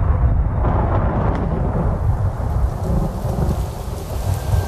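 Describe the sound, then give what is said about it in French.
Steady heavy June rain pours down in Belgium with a deep, continuous rumble of thunder rolling underneath, loud throughout, with no voices. “Heureusement, il va pleuvoir un peu en juin.”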